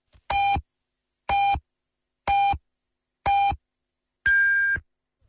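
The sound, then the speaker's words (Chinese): Four short, evenly spaced electronic pips at one-second intervals, followed by a longer, higher-pitched final tone, all clear and steady with no talking: the radio time signal marking 13:00 Beijing time on Yanbian Radio and Television's Chinese-language news station. “北京时间13点整。”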